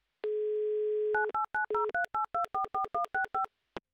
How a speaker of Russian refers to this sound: Так, номер набран. Будем ожидать соединения с городом Ярославль. Класс, 30 секунд у нас для того, чтобы послушать гудки и дождаться ответа.